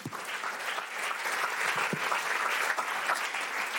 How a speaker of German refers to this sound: Kleiner Applaus für dich, komm.